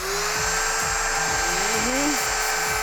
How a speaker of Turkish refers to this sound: Bu şerit zımpara diğerlerinden farklı çünkü ufak şekli sayesinde sıkışık yerlere girebiliyor. Ayrıca zımpara için daha fazla yüzey alanı var. Bakın şimdi.